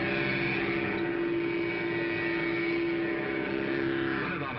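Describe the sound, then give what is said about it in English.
A Mattel Baroom hot rodder toy engine fitted on a trike, started with its own key and run by a remote control, drones loudly and steadily, a buzzing, harmonic motor hum that holds its pitch for several seconds and shifts slightly near the end, with no voices. “Start it like Dad's key starts his car. The remote control is up here where it belongs. Sounds like a real engine.”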